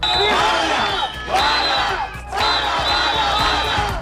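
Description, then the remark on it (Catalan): A protest crowd shouts in loud, rhythmic bursts, many voices chanting together in repeated waves with brief dips between them, a dense roar of raised voices throughout. “Veurem si aquests crits es tornaran a repetir o no.”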